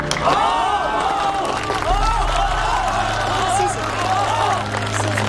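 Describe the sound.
A crowd applauds a student classmate for her bravery and talent, steadily for several seconds, a dense, continuous wash of clapping with excited voices calling out on top and a low hum running underneath.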